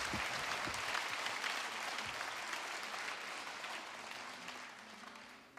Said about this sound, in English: Thank you very much indeed. Yeah, very well clapped. Thank you.